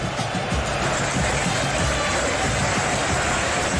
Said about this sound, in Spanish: Mira, aquí tenemos un sistema especial donde podemos retroceder y escuchar solamente el momento de los aplausos. Mire, escuche usted.